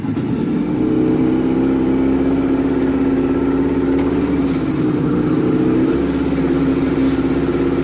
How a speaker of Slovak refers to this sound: Čaute, je to zvuk z motorového člna. A …? Je to motorový čln. A je to správna odpoveď. Počúvajte tú vodu.